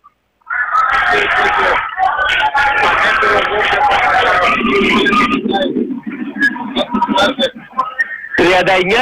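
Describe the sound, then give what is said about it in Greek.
A large arena crowd of Olympiacos fans at a basketball game fills the space with loud, sustained whistling and jeering during free throws, a dense roar of shrill whistles and booing that rises and falls but never lets up. “Αρχίζουν τα σφυρίγματα και οι αποδοκιμασίες από τον κόσμο του Ολυμπιακού.”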